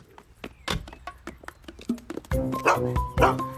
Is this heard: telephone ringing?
no